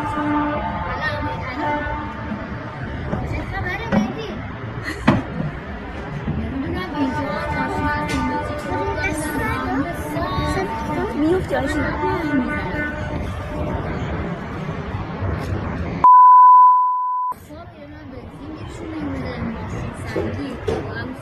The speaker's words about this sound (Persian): یه تصویر دیگه از استان البرز به ایران اینترنشنال رسیده، در اون شماری از راننده ها در یک پمپ بنزین در فردیس با بوق زدن اعتراض میکنن.